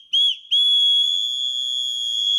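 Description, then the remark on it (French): A shrill, piercing whistle blast from a small anti-harassment keychain whistle, of the kind the town of Nîmes, France, hands out to women, able to reach 100 decibels: a short toot, a brief break, then one long sustained high-pitched blow lasting about two seconds, loud and steady with no talking. “Des sifflets anti-relous pour éloigner les potentiels agresseurs.”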